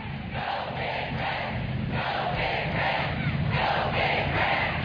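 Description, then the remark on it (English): A large stadium crowd, nearly all standing except a few rows of GCU Lopes supporters on the first base side, roars steadily as they clap along in a regular, pulsing rhythm to There Is No Place Like Nebraska. The dense wash of voices and hands continues without any single speaker standing out. “The entire crowd, save the three or four rows of GCU Lopes supporters on the first base side, standing and clapping along to There Is No Place Like Nebraska.”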